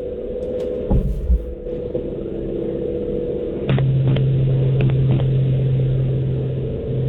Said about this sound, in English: are you in a wind tunnel? I'm in the car right now.